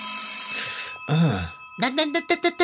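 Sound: telephone ringing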